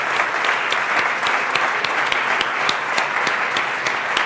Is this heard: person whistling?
no